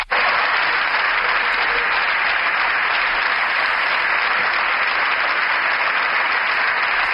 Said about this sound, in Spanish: Se levanta la bancada popular para aplaudir esta intervención de Alberto Núñez Feijóo, que ha terminado asegurando que él se va a encargar de acabar con todo esto.